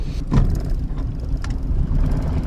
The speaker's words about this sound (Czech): teď tedy vyjíždíme na člunu.